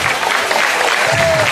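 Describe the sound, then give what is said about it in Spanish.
A crowd of worshippers claps steadily and loudly for the Lord in a dense, continuous burst of applause filling the whole moment, with a faint tonal whistle rising briefly near the end. “Denle fuertes y aplausos, es para el Señor, hermano.”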